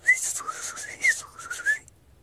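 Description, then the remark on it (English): A small bird high in the mountains above the timber line whistles a thin, wavering tune of three rising-and-falling glides over about two seconds, set against a steady airy hiss, with no voices. “the little bird high above the timber line.”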